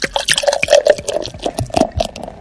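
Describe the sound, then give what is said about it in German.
Beer being poured into a glass: a continuous bubbly, gurgling fill with small splashy clicks and a rising tone as the glass fills, heard on its own without voices. “Also, kriegt ihr ein Glas. Trinkt das aus.”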